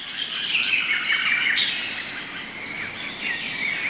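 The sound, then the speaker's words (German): Dense South American rainforest ambience with many birds chirping and calling over a steady high insect buzz, the layered calls overlapping continuously without any talking. “Der Regenwald in Südamerika.”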